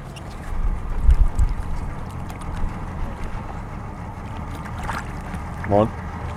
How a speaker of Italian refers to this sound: Ok, a questo punto l'imbarcazione degli operatori si avvicinerà. Io gli do una mano a puntare la barca.